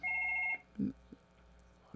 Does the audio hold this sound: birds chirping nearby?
no